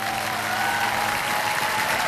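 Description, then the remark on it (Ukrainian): A burst of applause, steady dense clapping from a small crowd that holds an even level for about two seconds, with no voices standing out. “Оці оплески чули чи ні?”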